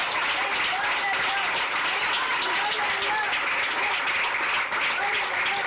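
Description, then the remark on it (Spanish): A crowd at a religious gathering claps and cheers steadily for several seconds as applause to the Lord, a dense, loud wash of applause with voices shouting and calling out over it. “¡Otro aplauso al Señor, hermano!”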